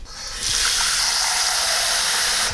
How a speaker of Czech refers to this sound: Čili já dám teďko do hrnce trochu vody.